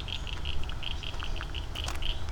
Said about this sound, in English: Wow, listen to these frogs.